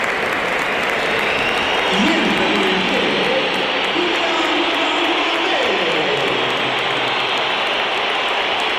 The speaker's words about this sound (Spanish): Pues sí, se la llevó Kylian Mbappé, aunque hay algunos aplausos en alguna de las zonas más cercanas a donde nos encontramos nosotros en la cabina de Radio Nacional. Pero más pitos. Muchos pitos para Kylian Mbappé a su salida al terreno de juego.